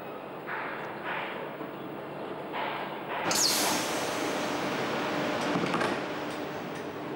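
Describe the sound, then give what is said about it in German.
A Golden Pass Panoramic train pulls away smoothly, without a jolt, from a Swiss station: a steady mechanical hum, a sudden hiss of released air partway through, then a fuller rolling rumble that carries on evenly. No one speaks. “Ohne Ruck setzt sich das Hightech-Gefährt in Bewegung.”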